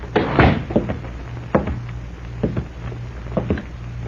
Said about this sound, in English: They exchanged nods, and apparently satisfied, the man closed the door.